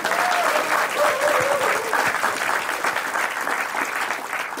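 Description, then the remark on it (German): The studio audience of a broadcast show applauds steadily, a dense wash of many hands clapping at an even, loud level throughout, with a faint whistle-like tone rising briefly near the start. “Durch Ihr aufmerksames Zuhören, Mitfiebern und Klatschen und Applaudieren und Jubeln.”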